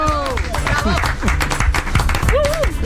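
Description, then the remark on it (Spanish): Studio applause for Roberto Brasero, with a dense, steady patter of many hands clapping throughout, while several voices shout and call out excitedly over it. “Aplauso a Brasero.”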